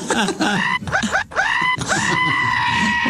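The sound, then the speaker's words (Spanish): A voice imitates the scream of a man being circumcised without anesthesia: a few short, strained cries that climb in pitch, then one long, drawn-out wail. It is loud and unbroken by speech. “¿Cómo grita? ¿Cómo grita?”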